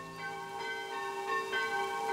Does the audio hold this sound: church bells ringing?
yes